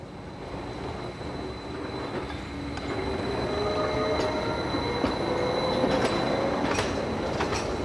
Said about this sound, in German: Im 30-Minuten-Takt fahren die Züge hinauf auf den Gorner Grat.